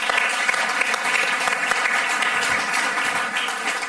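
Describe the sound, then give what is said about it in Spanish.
A crowd applauds steadily for the del Río brothers, Munchkin actors in The Wizard of Oz, dense overlapping claps filling the whole stretch at a loud, even level with no voices standing out. “Un aplauso para los del Río.”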